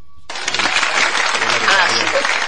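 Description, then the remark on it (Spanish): A short beep gives way to a dense burst of clapping and cheering that holds steady and loud for about two seconds, crowd-like and continuous. “Un aplauso. Aplausos, por favor.”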